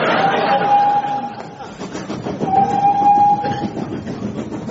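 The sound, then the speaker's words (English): A person imitates a train, breathy chugging running throughout, with two long, steady whistle-like toots, one near the start and one midway. “Do stop making those train noises and come and sit down”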